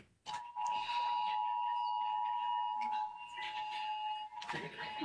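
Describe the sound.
Several phones' emergency alert alarms for an NDRMC rainfall alert blare at once during the direct examination in a courtroom trial: a loud, steady, piercing tone overlaid with pulsing higher-pitched beeps, sustained for several seconds with faint voices underneath.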